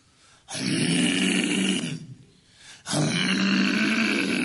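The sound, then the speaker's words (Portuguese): Two long, rough, guttural roars made by a human voice imitating a neighbour's loud, lion-like snoring, each sustained for about two seconds with a brief pause between, loud. “Não é gente. Isso aí é leão.”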